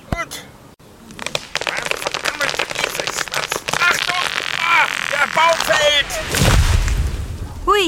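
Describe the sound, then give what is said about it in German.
Three sharp chops of a small axe strike in quick succession, followed by a heavy, low crashing rumble as a tree falls, with voices and vocal sounds running underneath throughout. “Die Axt ist viel zu klein. Ich brauche ganze 3 Schläge, um einen Baum zu fällen.”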